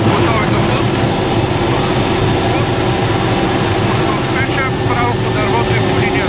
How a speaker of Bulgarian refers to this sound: Единственият начин, по който военният хеликоптер Кугър може да спуска вода, е като един от членовете на екипажа се е провесил от отворената врата на машината.